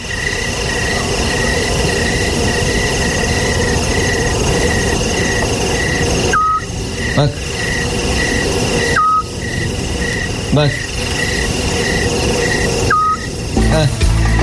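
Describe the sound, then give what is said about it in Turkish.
A scops owl repeats short, clear whistled notes in a steady, quick rhythm over a loud, constant background hiss, with a voice briefly speaking a couple of times. “Bak de böyle bağırıyor İshak kuşu.”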